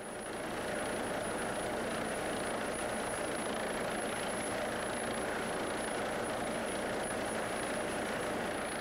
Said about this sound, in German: Jetzt kommt der schwierigste Teil der Übung. Notarztteam und Unfallopfer müssen zurück in den Hubschrauber, ohne dass der landen kann.